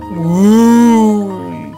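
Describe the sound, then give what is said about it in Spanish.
A person imitates a cow's moo with one long, low, drawn-out lowing call that swells and fades over nearly two seconds, fairly loud. “La vaca ya no hacía...”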